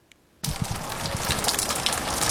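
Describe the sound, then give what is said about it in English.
Overnight rain over farmland across the New England Northwest: after a brief quiet moment, steady rain begins abruptly, a dense hiss of falling drops with soft patters underneath, holding even and fairly loud to the end with no voices. “The sound of rain overnight was welcomed for the farmers across the New England Northwest who were under the right clouds.”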